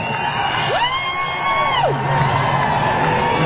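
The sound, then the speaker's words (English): A concert crowd roars steadily throughout as some people chant "USA" and boo, and one long drawn-out yell rises, holds and falls near the start, standing out clearly above the dense crowd noise. “Some people start chanting USA.”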